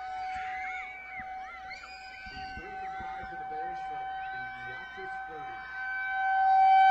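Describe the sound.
A steady, high-pitched outdoor warning siren wails at 8:56 during a football game in Blair, in clear, fine weather, its tone holding level and swelling louder toward the end, while people's voices murmur and talk underneath.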